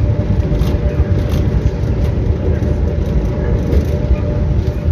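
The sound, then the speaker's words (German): Steady, loud low rumble of a moving train heard from inside, a continuous droning roar with faint rattling and no distinct pauses throughout, on a train trip to the ice hockey arena in Freiburg. “Rund zwei Stunden länger geht mein Weg mit dem Zug in die BCF Arena im Vergleich zu dem in die Swiss Life Arena.”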